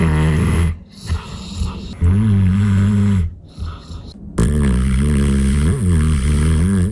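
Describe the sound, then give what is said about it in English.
A Bernese mountain dog snores heavily while having a snooze, in long, rumbling, low-pitched breaths, each drawn-out rasping inhale followed by a short quiet gap, with a final loud, sustained snore. “It's a Bernese mountain dog having a snooze, was that clip.”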